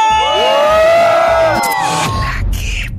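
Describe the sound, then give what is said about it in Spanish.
A large crowd in hot weather shouts and cheers together on cue, voices rising in sustained whoops and yells that swell loudly, then break into scattered shouting as the roar fades slightly toward the end. “¿Y cómo se grita? ¡Aquí suena! ¡Qué buena! 97.1. ¡Y venga ese grito!”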